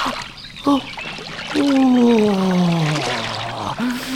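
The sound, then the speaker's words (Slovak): Feet splash and slosh in the shallow running water of a small brook as someone cools their sore feet, a steady trickling, while a voice lets out a long, falling sigh of relief in the middle. “Ochladím si ich vo vode.”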